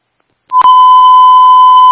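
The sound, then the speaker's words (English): After a brief click, a loud, steady electronic tone at a single mid pitch sounds without a break to the end, a fire dispatch pager alert paging fire and medical responders to an unconscious, not-breathing patient at 1338 Gravel Ridge Road. No one speaks. “Fire medical are being paged to a 303-year-old unconscious, not breathing at 1338 Gravel Ridge Road.”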